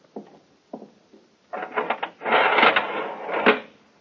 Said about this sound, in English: First of all, if you'll be good enough to go inside and lower the iron shutter. I'd like to see just how impregnable it is.